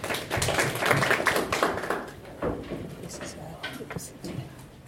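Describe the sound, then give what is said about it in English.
A crowd applauds a doctor speaker at a media event of the Aga Khan University Graduate School of Media and Communication with the Kenya Editors Guild. Dense, overlapping hand claps are loudest at the start, then thin out into scattered claps and fade toward the end. “Applause for Daktari, tafadhali.”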